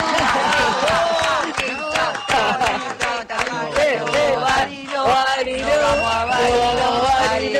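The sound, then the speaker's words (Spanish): An audience cheers and claps loudly and steadily for several seconds to welcome a guest, with whoops and shouting voices rising over a dense wash of applause. “Y así, con este espíritu barilochense, con la nieve, con el frío, la recibimos con un fuerte aplauso”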